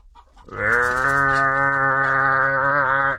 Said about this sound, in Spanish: Y se oía un bramadero de vacas.